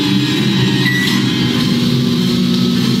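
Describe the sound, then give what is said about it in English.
A microwave oven switches on and runs with a steady, loud electrical hum that drones on without a break, with no voices and no change in level across the few seconds. “I opened the microwave door, closed it, and told Magnetron I was in. In the microwave.”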